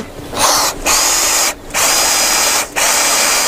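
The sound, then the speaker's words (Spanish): A power drill whines loudly, drilling a plate in long bursts broken by three brief pauses as the trigger is released and squeezed again. No one speaks. “La placa se asienta bien. La taladraste bien.”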